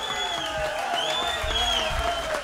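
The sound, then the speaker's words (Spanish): A crowd applauds steadily and loudly throughout, dense clapping filling the space, with some voices cheering and calling out over it. “Un aplauso fuerte viene, que soy duro.”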